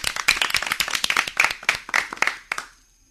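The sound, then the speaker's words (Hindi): Steady burst of hand clapping from several people on a quiz show after a team locks in its answer, a dense crackle of sharp claps that keeps up for about two and a half seconds before fading out quickly. “बिल्कुल लॉक कर दे और तालियां बजा दे।”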